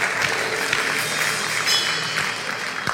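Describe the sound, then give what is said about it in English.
A crowd applauds loudly and steadily in unison, dense clapping filling the whole moment with a few sharper claps standing out, and no one speaking over it. “Look at y'all in one clap.”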